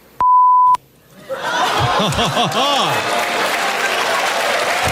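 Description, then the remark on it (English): A single loud, steady censor bleep lasting about half a second cuts in sharply over a spoken word in the Power FM radio segment What the Beep Did They Say, then a burst of laughter and lively crowd noise swells up and continues. “Correctly identify what the beeped out word is”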